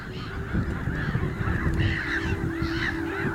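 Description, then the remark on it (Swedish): A black-headed gull colony in full cry: many harsh, rasping calls overlap into a loud, unbroken clamour, with sharp squawks rising and falling constantly and no pause or quiet moment. “När sover en skrattmås? I detta larmande kaos.”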